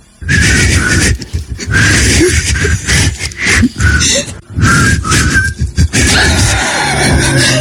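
Two people try to whistle a pop tune together, producing mostly breathy, airy blowing with only a few thin whistled notes breaking through in short phrases, close to the microphone.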